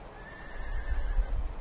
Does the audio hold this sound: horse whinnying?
yes